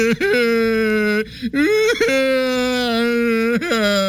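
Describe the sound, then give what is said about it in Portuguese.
A man who has just been arrested cries and whimpers in long, drawn-out wailing tones, broken by a few short sobbing catches. The crying is loud. “Vai curtir o seu choro na cadeia, seu patife.”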